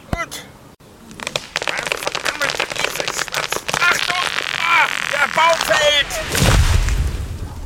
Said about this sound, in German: Die Axt ist viel zu klein. Ich brauche ganze drei Schläge, um einen Baum zu fällen.